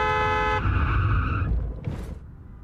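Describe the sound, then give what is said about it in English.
A speeding car roars by with a loud, steady horn blast at the start, a whining engine drone, then a brief rushing hiss like skidding tires before the noise drops away. “That car's going fast, like it's about to run the...”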